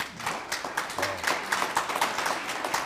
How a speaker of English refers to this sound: Well, they're clapping. They're trying to tell us that we're done with another segment.